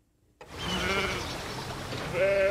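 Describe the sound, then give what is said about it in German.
Sheep grazing under and beside Henry Moore's monumental bronze sculptures bleat outdoors, one wavering call early on and a louder bleat near the end, over a steady wash of open-air background noise. “Monumentale Bronzen, weich gerundet, unter und neben denen Schafe grasen.”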